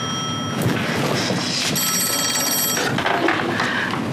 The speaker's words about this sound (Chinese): 哎，接电话。 你咋不接？ 肯定是你嫂子，我不接。